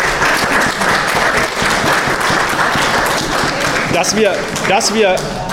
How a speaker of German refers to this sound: Also nochmal ganz, ganz großes Dank an alle Vereinsmitglieder. Das ist ein Applaus, glaube ich, wert.